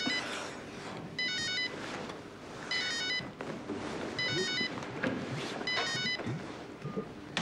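A telephone rings four times in evenly spaced bursts of high, warbling electronic trills, each lasting about half a second, over a steady rushing background noise.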